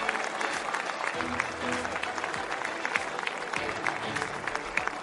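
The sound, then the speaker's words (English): Sustained applause from a large motor-race crowd for the two Toyota Racing cars' teams at the race winners' ceremony, a dense, steady clatter of many hands clapping continuously throughout, with faint voices murmuring underneath. “Warm applause for the two Toyotas, and of course a big cheer for the Ferraris.”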